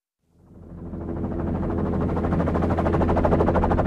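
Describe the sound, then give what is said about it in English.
A helicopter engine spools up from silence into a loud, steady roar, with a rapid rhythmic thudding of rotor blades and a low droning hum underneath, as the helicopter lifts off over snow in March in the Great White North, blowing the snow into a giant cloud. “The snow around us is blown into a giant cloud as the helicopter I'm crammed into lifts off.”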